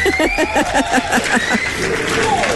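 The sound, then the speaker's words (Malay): Energetic applause for the winner of a morning show quiz, a listener from Nilai: a quick run of rhythmic claps that swells into a steady wash of clapping, mixed with whistles or cheering tones, loud and without talking. “Kita nak berikan tepukan yang gemuruh kepada Pak Mak dari Nilai.”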